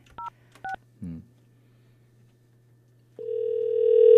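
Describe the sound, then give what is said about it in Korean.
A couple of short keypad beeps and a brief low blip, then after a pause a steady telephone ringback tone starts and grows louder as an outgoing call from a radio show to a listener connects. “자, 신호 갑니다.”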